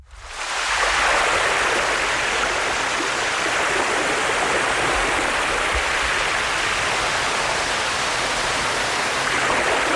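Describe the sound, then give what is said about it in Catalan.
A steady, continuous rush of beach waves fills the whole stretch, a loud wash of surf with no distinct breaks or pauses and no voices. “Fixeu-vos en les onades de la platja, fixeu-vos en el color de l'aigua”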